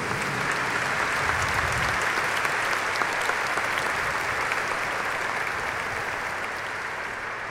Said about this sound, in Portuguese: Por isso, eu acredito que nosso coração quer dar uma grande salva de palmas, de boas-vindas a todos.